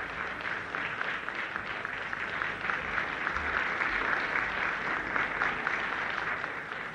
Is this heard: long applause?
yes